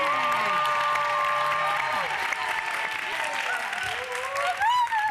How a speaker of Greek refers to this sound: Κυρίες και κύριοι, ένα μεγάλο χειροκρότημα για τη μοναδική Χρύσα Καθαρίνη!